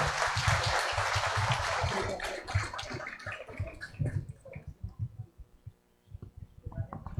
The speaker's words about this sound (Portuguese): Uma salva de palmas para as nossas mães.